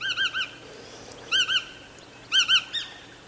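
A long-legged wading bird with dark and light grey upperparts, a white belly and a long, slightly upturned bill, a little larger than a blackbird, calls in short, clear, fluting notes, grouped in three quick bursts of two or three notes each with pauses between, distinct with no talking.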